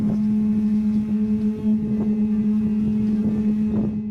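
A conch shell is blown in one long, steady, low-pitched note that holds loudly for the whole few seconds, with a buzzy, horn-like tone and a faint breathy rumble underneath.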